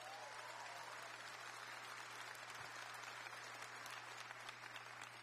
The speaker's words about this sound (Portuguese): Pode aplaudir quem está acreditando.